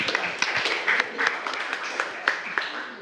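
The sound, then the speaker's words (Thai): A group of students in a classroom claps for a group of classmates for about three seconds, a dense, steady patter of many hands with a few sharper claps standing out, moderately loud and with no talking over it. “โอเคปรบมือให้เพื่อนกลุ่มนี้หน่อยขอบคุณมากค่ะ”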